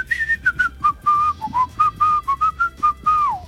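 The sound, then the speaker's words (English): A person whistles a pop melody, the tune broken into short, choppy notes with brief gaps between them, with a long sliding note near the end. “You got a very choppy whistle.”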